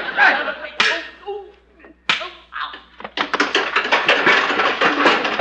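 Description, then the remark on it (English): A fistfight: a scuffle of sharp punch-like smacks, a few heavy blows spaced apart, then a rapid burst of loud clattering impacts as a man is knocked into a metal ash can, forceful. “Oh, Chester, you knocked him into an ash can.”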